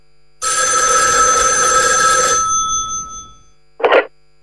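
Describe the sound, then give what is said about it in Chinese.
An old-fashioned telephone bell rings loudly and steadily for about two seconds, its metallic tone fading out, then a short second burst follows; it is a call from brigade commander Chen Geng. No one speaks. “旅长陈庚打来电话。”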